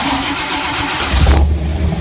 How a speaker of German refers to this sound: Ja, es ist ein Ford Mustang, Nightmare.